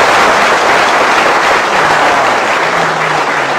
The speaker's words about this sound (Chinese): 话说到这儿了，你要是再不唱，你是不是嫌大伙掌声不热烈呀？ 啊， 可以热烈鼓掌。